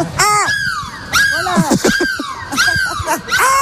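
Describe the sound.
Human voices imitate seagull cries as a goodbye on a radio morning show broadcast from a bus on Énergie: a string of loud, high, wavering squawks that slide downward in pitch, several overlapping in quick succession.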